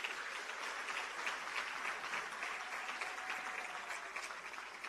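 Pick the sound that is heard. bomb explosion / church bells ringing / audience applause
audience applause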